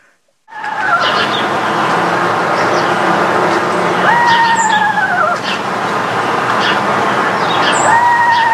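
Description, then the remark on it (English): A small screech owl gives high, wavering whinnying calls that slide downward in pitch, three times at intervals, over a constant loud background hiss. “They have two calls. One is a trill, and the other is a whinny. Sounds like a little tiny winged horse in a tree somewhere.”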